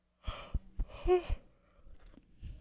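A single long, breathy yawn from a sleepy DJ, rising into a brief voiced groan before trailing off, followed by a few soft breaths.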